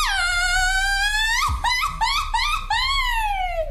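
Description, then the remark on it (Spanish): A loud Mexican mariachi grito by a single Mexican woman's voice: a long, high held yell, then a quick run of choppy, yipping bursts, ending in another sustained, slowly falling cry. “Échate un grito de mariachi, ver, panzón.”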